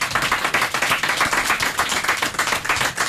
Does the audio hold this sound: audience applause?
yes